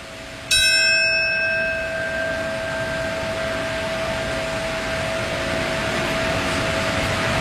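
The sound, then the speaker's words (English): A single memorial bell toll rings out once, marking the moment the North Tower fell 25 years ago. Its clear, resonant tone slowly fades over several seconds against a steady low background hum, with no one speaking. “That bell that you hear, this is the time that the North Tower fell 25 years ago, marking the moment, and a moment of silence now.”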